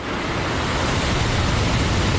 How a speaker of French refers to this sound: Le bruit des vagues, le soleil.